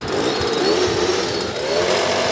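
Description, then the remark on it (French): A motorized atomiser runs steadily while spraying a powerful pyrethrum insecticide in the evening in a residential neighbourhood of Fuy, a loud, continuous two-stroke engine whine with a rushing hiss of air and a slight waver in pitch. No one speaks. “C'est à coup d'atomiseur qu'un puissant insecticide a été disséminé hier soir à Fuy, dans le quartier où réside la personne contaminée.”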